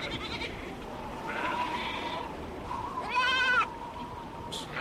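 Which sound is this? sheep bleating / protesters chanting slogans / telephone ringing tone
sheep bleating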